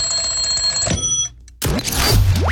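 An alarm clock rings with a steady, bright electronic tone for about a second, cuts off briefly, then gives way to louder swooshing, sweeping sound effects, in a radio advertisement for the K&R Plumbing Supplies Home Show Extravaganza in Toowoomba, held October 24.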